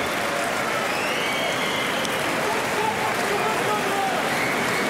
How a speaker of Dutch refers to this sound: Nou, dit applaus klinkt veelbelovend in ieder geval.